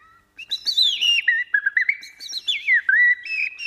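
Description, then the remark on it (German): Two bird-voice imitators whistle an imitation of birdsong: a lively run of high, warbling, sliding phrases with quick chirps and trills, fairly loud, with no talking. “Das waren aber die Vogelstimmen-Imitatoren”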